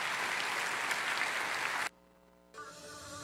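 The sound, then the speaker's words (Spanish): A church audience applauds the Lord in a dense, steady burst of clapping that cuts off abruptly partway through, followed by a brief quiet gap and then a softer stretch of sound. “Dale un aplauso grande, hermano, al Señor.”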